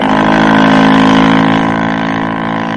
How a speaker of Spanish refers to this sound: La lancha se alejó rumbo al segundo navío.